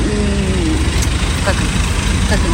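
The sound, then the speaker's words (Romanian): A car engine idles in a steady, loud low rumble with a rough, sputtering edge, while a voice briefly sounds over it. The car is in Russia, about 1000 km from the Ukrainian border, during a fuel shortage, and its tank is empty. “Mașina începe să glocnească.”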